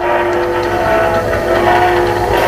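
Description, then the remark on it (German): A moving train rumbles steadily and loudly throughout, with a sustained tonal drone riding over it, heard through the hiss and muffled character of a 1932 record played with a second needle in the record's second groove. No voices. “Das zweite könnte ein Zug sein, der fährt, etwas ähnliches.”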